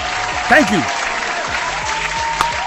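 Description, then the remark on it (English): A steady round of applause fills the whole stretch, dense and crackling at an even loudness, with a short rising whoop or whistle cutting through near the start. “Matter of fact, a round of applause.”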